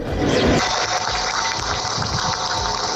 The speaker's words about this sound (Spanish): Con este aplauso, con las campanas, se rompía ese minuto de silencio.